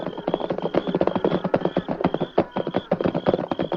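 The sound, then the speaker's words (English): Steady hoofbeats clip-clop in a busy, overlapping rhythm as horses rein up at the entrance of a canyon, with a faint high jingling tone running through. “This car use of mine won't hold up much longer at this speed”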